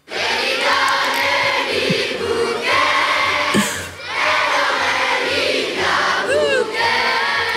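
A chorus of about 700 Namur schoolchildren sings Li Bia Bouquet together loudly at midday on the Place d'Armes in Namur during the Fêtes de Wallonie, in sustained phrases with short dips between them, a few higher shouts and squeals rising above the massed singing.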